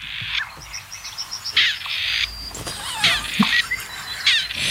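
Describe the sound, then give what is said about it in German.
Grey partridge calling: harsh, grating, creaky calls repeated several times, mixed with a quick run of short high chirps, over a steady low rumble and no talk. “Ich finde nach wie vor, dass das Rebhuhn klingt wie ein uraltes Telefon mit Wählscheibe.”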